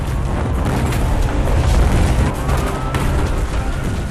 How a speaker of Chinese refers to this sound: 2017年的一天，色彩斑斓的灯光把夜幕下的东江市装扮得美轮美奂。突然，此起彼伏的爆炸声打破了城市的宁静，一串串火花争相飞向夜空。